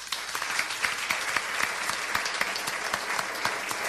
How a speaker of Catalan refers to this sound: Moltíssimes gràcies, un aplaudiment per vosaltres.